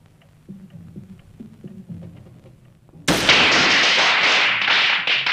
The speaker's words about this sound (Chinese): 放鞭炮？香港不准放鞭炮了，附近一定有中国人住。